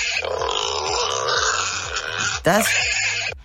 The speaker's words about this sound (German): Das sind kleinere Wildschweine. Das sind Schweinchen.